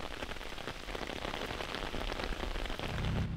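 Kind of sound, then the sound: nature, rain falling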